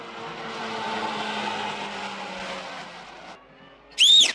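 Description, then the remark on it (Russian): A reversing car's engine rumbles steadily as it catches up with a man on foot, eases off, then a short, sharp high-pitched squeal of brakes rings out as the car stops. “Машина догоняет его.”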